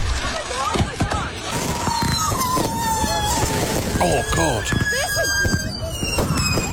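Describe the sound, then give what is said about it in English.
Unsecured fireworks going off chaotically and out of control, shooting everywhere and into the ground, with shrill whistling rockets, rising squeals and repeated sharp bangs and crackles piling up continuously, loud, while a person exclaims briefly over the din. “people didn't secure the fireworks. Works property, and this is what happened.”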